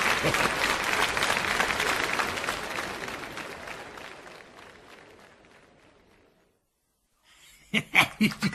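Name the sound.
audience applause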